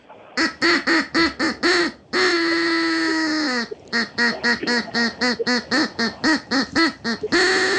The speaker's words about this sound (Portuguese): O Pato vai cantar pra você. Vamos lá.